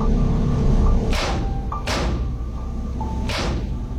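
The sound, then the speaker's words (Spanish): Three dull knocks on a car's passenger door, unevenly spaced, each a short solid thud standing out over a steady low rumble of the running car. “Aún estaba reflexionando sobre esto cuando escuché unos golpes en la puerta del pasajero.”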